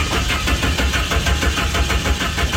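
The engine of a car called Doris cranks repeatedly without catching because someone has taken parts from it, a steady, rhythmic churning that runs the whole time, loud, with no voices.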